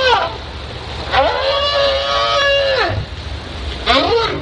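A recording of whale calls, played from a CD player through a speaker the size of a car engine lowered over the side of a boat, heard underwater: a brief call at the start, then a long, rich tone that sweeps up, holds steady and falls away, and a rising call at the end, over constant low rumble.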